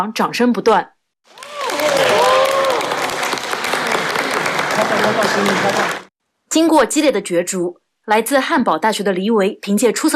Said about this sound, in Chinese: 现场掌声不断。